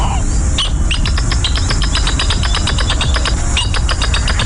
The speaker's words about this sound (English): Today's Talking Birds featured feathered friend. Scientific name, according to the biologist's handbook of pronunciations, Hicana spinosa. We call it the northern jacana.